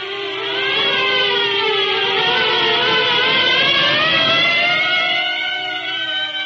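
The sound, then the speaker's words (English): Several sirens wail together, their overlapping tones rising and falling in long sweeps. The sound is loud and continuous, filling the whole stretch with no voices. “At the sound of the sirens, Marv's huge bulk quivered.”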